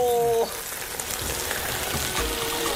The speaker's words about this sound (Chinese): 只需5分钟，瓦煲中的鱼头迅速烧至半熟。